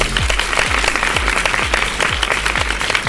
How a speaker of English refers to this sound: And as always, if you did the actions at home, give yourselves a great big round of applause.